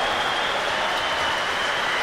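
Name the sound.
audience applauding the choir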